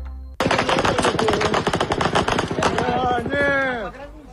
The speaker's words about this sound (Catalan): Segons imatges difoses per les xarxes, que han estat verificades, un dron s'ha estavellat i ha explotat en una platja concorreguda de la regió de Krasnodar, una destinació turística per molts russos.